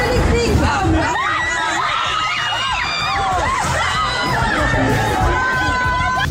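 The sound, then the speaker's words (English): The live studio audience of GB News cheers loudly and steadily at the start of Patrick Christie's 10 p.m. show, a dense wash of crowd noise with high whoops and shouts rising and falling over the top, mixed with indistinct chatter. “Great to be with my live studio audience.”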